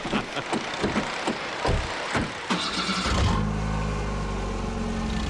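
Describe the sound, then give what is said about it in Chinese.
A car door shuts amid scattered thumps and rustles, then an engine starts and settles into a steady low idle hum that continues to the end. “走，咱们上车”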